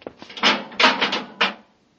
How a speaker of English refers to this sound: Commander, it worked. The airlock's open. Get in quickly. Close it behind you. Hurry. Through the inner door.